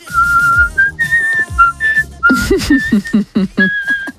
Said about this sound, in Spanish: Mira, para la banda del patio se puede venir, con lo bien que silba. Cuidado, que va subiendo.